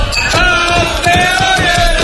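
A loud crowd cheers and shouts together inside a bar, celebrating a Moto3 World Championship win: a dense, sustained roar of many voices with rising yells and whoops throughout.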